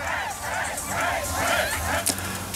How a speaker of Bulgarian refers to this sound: Отново се включи жълт хегидуш, предизвика бурни аплодисменти с нов танц. До него на стълбите на Народното събрание му ръкопляскаше премиерът.